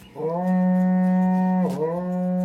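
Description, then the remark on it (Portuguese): A loud, sustained blast from a berrante cattle horn, blown to wake people up: a steady droning, moo-like tone lasting a couple of seconds with a brief wavering dip near the end, heard alone without any talking. “Toca o berrante, ele tá pedindo pra tocar.”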